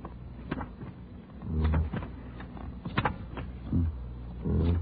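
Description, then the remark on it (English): An IBM punch card sorting machine runs in uneven bursts: low rumbling whirs that swell and fade, broken up by sharp mechanical clacks. No voices are heard. “I can't, but this IBM machine can.”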